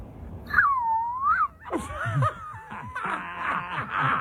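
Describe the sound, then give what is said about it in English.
A young boy, holding his fingers up to his lips, attempts a whistle, making a thin wavering tone that dips and rises for about a second, followed by breathy, whiny vocal sounds and squeals. “He's even holding his mouth up, his fingers up to his lips. He's going, yeah. He's just making a noise? He thinks he knows how to whistle.”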